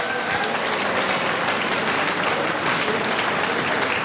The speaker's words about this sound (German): Wir wünschen euch jetzt schon alles Gute für die Wahl am Nachmittag und gratulieren jetzt schon zur Erdbeerkönigin und zur Prinzessin. Das ist euer Applaus. Gratulation.